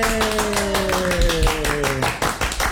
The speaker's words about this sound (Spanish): a quienes damos un fuerte aplauso, hombre.